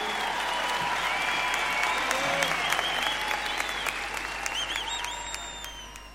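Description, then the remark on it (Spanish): A crowd applauds steadily and loudly for several seconds, dense clapping filling the space with a few whistles or cheers rising above it before it begins to taper off. “Un aplauso para ellos y para todos los músicos de este país.”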